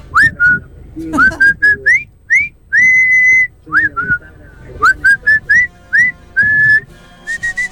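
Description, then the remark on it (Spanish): A person whistles a lively tune, with a quick run of short, bright rising notes and a few longer held tones, played alone over faint background noise. “Votó silbando, muy bien. Silbado está bien.”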